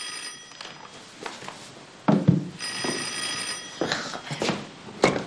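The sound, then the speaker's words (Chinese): A telephone bell rings in two bursts with a pause between them, clear, alongside some bumping and room noise and no talking. “喂，啊、哦，我让他接电话啊。”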